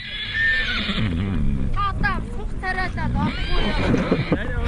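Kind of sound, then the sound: animal, horse neighing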